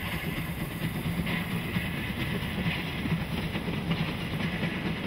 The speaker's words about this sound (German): Die Schmalspurbahn fährt einige hundert Meter neben der Hauptstrecke Richtung Berlin und Leipzig, ehe sie dann zum Weißen Ross abzweigt.